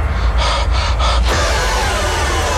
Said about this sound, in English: Just a lot of heavy breathing in that trailer, isn't it? I feel like that's a scary movie standard, isn't it?